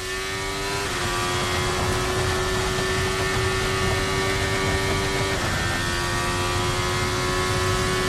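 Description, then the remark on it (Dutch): A race car engine screams at high revs, its pitch stepping down sharply twice as the driver lifts off the throttle before braking, loud and continuous with no voices. “Je hoort de toeren nog. Eigenlijk, door het daar te liften, hoef je ook minder hard aan te remmen.”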